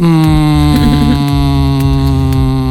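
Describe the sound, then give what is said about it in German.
A person hums one steady, sustained low note, loud, holding the tone without a break for about three seconds with no words spoken. “Ganz einfach, wir brummen oder summen.”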